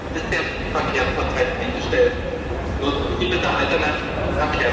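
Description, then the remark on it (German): Station ambience at Berlin Hauptbahnhof, Germany, in the late evening as rail traffic across the country has come to a standstill: a steady wash of crowd murmur with indistinct voices and occasional clacks and thuds rising and falling over a constant background hum. “In ganz Deutschland ging ab dem späten Abend nichts mehr im Bahnverkehr, wie hier am Berliner Hauptbahnhof.”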